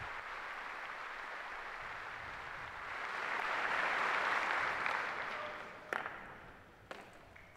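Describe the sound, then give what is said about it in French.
The assembly at a ceremony before the Holy Father cheers and applauds in a steady, dense roar that swells to a peak midway and then eases off. Two sharp cracks punctuate the fading noise near the end. “Bien voilà les acclamations de l'Assemblée.”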